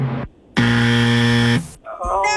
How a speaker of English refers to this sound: Oh, no, I'm sorry, it's not. That's okay. You had to hear the buzzer and that voice crack. That's just awful.